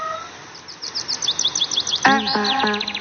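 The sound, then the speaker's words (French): Birds chirp in quick, repeated high tweets throughout, joined near the end by a louder, fuller whistling call with rich tones. No one speaks. The birdsong is the opening of a played music recording. “Je connais, c'est des oiseaux.”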